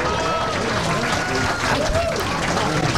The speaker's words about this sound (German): Zeit für den ersten Applaus.